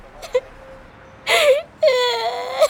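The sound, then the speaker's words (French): A boy walking along the sidewalks cries in two drawn-out, wavering wails after a few soft whimpers, moderately loud, with no talking. “pleure de trottoir en trottoir.”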